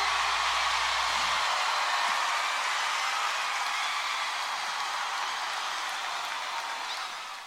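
A dense, loud wash of clapping from a large crowd keeps up steadily for several seconds, then begins to taper off at the very end. No voices can be heard over it.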